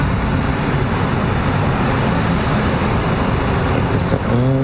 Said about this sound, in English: I'm always wondering how it is to live with a constant drone, and what kind of drones we have. Here we have like motors. What it is to live with drones and military drones.